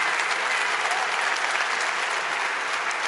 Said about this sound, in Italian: Grande applauso al professor Galbraith.